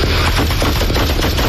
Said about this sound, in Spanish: El coche trata de ir huyendo, golpea varios vehículos en su huida. Ahí oye los disparos.